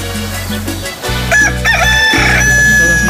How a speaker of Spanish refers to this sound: Ahí está mi gallo de gallos. Para que le cante a usted bien contento. Si tiene algo pendiente que hacer, póngase pilas, ya amaneció. Échale. Ah, qué chulo canta mi gallo, poco no.